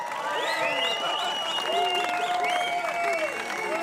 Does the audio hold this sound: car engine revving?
no